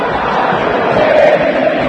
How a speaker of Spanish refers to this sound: En las malas también se grita en el estadio Monumental.